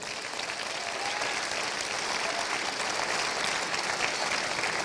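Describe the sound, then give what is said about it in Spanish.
A crowd claps steadily for the full five seconds, a dense, even wash of applause with no pauses and no voices standing out, given as applause to the King during a sermon. “Denle el aplauso al Rey.”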